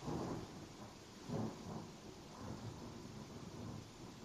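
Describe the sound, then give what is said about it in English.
Low, rolling thunder with lightning rumbles over steady rainfall, swelling at the start and again around a second in before fading into a continuous wash of rain noise. No voices. “Thunder, lightning.”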